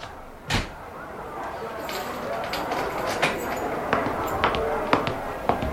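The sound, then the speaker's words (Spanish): An office door shuts with a solid thud, followed by a series of small metallic clicks and rattles as it is locked with a key, over a low background hum. “Después de cerrar la puerta con llave, avanza lentamente hacia el extremo de la oficina.”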